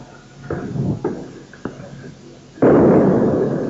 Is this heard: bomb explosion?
yes